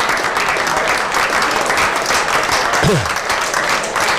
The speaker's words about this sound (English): A round of applause. He's on his feet, but he's just not feeling it at the moment. He's going to have to leave the field.